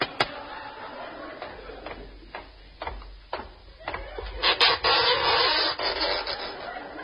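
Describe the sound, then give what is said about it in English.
Several sharp, irregularly spaced knocks on an oyster rap out one after another, each crisp and brief, then give way to a steady scraping, rustling noise in the last seconds. No one speaks. “I'll knock on this oyster.”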